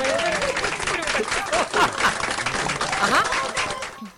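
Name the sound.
applause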